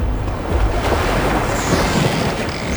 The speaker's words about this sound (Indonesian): Ada burung-burung, ombak bunyi.